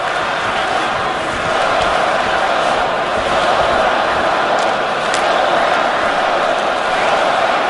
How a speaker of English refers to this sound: Fans cheer on the Canadians as they build up.